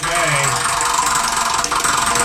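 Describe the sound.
A prize wheel, the "Wheel of Casserole" spun to pick a homemade casserole dish, spins with a steady, dense rattling clatter, its rapid ticking blurring into a continuous loud whir over the full two seconds, with voices faintly underneath.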